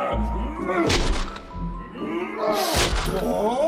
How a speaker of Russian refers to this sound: Слышны один за другим несколько ударов по ту сторону стены. Это Проспера бьет в нее плечом.